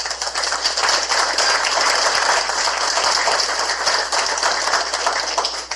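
Sustained applause from an audience, a dense, steady crackle of many hands clapping at once, holding at an even loud level throughout with no voices standing out. The applause honors those present for their work for the city at a monthly event.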